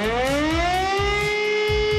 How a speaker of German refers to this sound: Heute ist nämlich Wartag. Bundesweit werden heute wieder die Sirenen der Feuerwehren getestet.